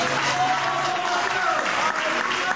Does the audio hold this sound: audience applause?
yes